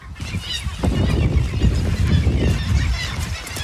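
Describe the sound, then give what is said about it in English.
A dense, continuous din of hundreds and thousands of birds honking and squawking together at a bird colony on Middleton Island, deafeningly loud, with overlapping calls filling the whole scene and no pauses throughout. “And it's just deafening sound of hundreds and thousands of birds.”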